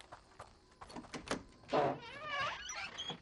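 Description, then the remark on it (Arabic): A door is opened: a few sharp clicks and knocks from the latch, then a loud, wavering creak as it swings, with no voices. “ياك ياك ابطل الباب”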